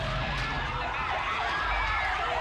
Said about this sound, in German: In den 90ern hat der gleich mal eine Alarmsirene draufgekriegt.